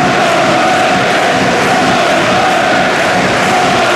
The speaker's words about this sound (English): You can hear the Sky Blue Army still cheering on their players. They might be 5-0 down, they might be a man down.